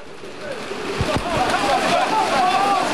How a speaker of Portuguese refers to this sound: E isto é a chuva, só para ouvirem.